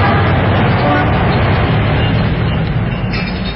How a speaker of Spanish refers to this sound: Sentados cómodamente ante las mesillas situadas al aire libre, contemplaban el intenso tráfico, el ir y venir incesante de los transeúntes.